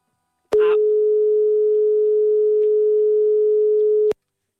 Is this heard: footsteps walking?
no